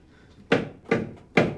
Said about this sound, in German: Hörst du das Klopfen? Ja, logisch höre ich das.